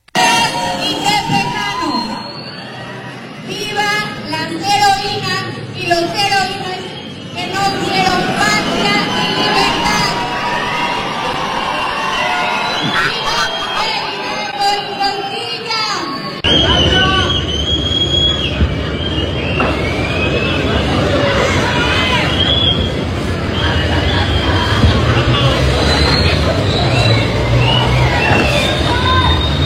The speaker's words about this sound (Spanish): En una plaza con poca asistencia, los ciudadanos iniciaron una rechifla y su equipo de trabajo cortó el audio para que no se escucharan los gritos